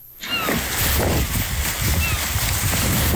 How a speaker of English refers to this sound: It's a windy Tuesday down at the dock in Kodiak